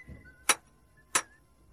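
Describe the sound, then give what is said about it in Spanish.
Two sharp hammer strikes driving nails into horseshoes, a little over half a second apart, crisp with a bright metallic ring, against a quiet background. “Deja ya de clavetear y ven a comer, anda.”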